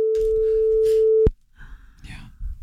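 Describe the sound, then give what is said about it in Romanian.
A single long, steady telephone ringing tone sounds loudly for just over a second, then cuts off abruptly. Faint voices and line noise follow, as if the call is picked up. “Pentru că nu știi niciodată când o să sune un telefon.”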